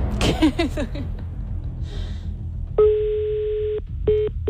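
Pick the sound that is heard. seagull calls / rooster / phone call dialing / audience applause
phone call dialing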